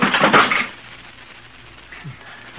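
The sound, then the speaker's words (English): A loud, clattering crack of a wooden chair splintering and collapsing under someone, a brief cluster of snaps and crunches that dies away quickly into quiet, with a faint knock shortly after. “My chair wasn't built very strong.”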